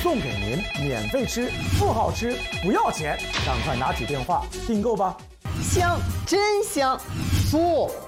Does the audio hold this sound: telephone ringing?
yes